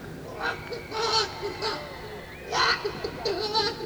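A chicken squawks in a series of harsh, strained bursts, about five loud calls at an uneven rhythm, with no talking.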